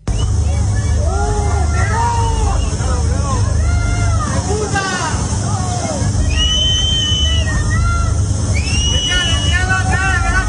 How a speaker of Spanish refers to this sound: Le gustan estas imágenes ni estas escenas, pero díganle ustedes a estos vecinos que le están gritando a Pedro Sánchez y que se han visto afectados y que no saben si se han quedado sin absolutamente nada